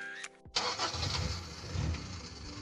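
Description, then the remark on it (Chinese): A ten-year-old car's engine turns over after a brief whine, then catches and settles into a loud, rough, steady rumble that runs for about two seconds, with no one speaking. “对嘛，像我这种10年老车，妥妥的该退居2线了，超龄上岗有安全隐患”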